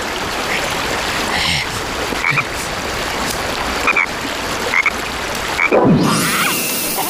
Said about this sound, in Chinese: 青蛙青蛙，你好吗？是不是很闷呢？